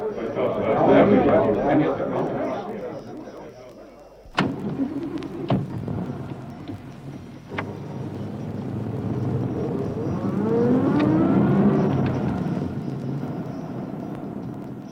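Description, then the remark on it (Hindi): A car engine rumbles steadily throughout, with a sharp thump partway through, like a door shutting, and a few lighter knocks as the vehicle moves along. “बाहर गाड़ी खड़ी है, आपको आपके पिताजी के घर पहुँचा दो।”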